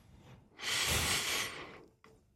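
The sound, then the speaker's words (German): A single long, airy inhalation through the nose as a breathing exercise, fairly loud, swelling for about a second before tapering off, with a faint breath afterward and no talking. “Du musst am Schluss nochmal, wenn du die Nase einschnaufen, musst du nochmal ein bisschen einschnaufen durch die Nase.”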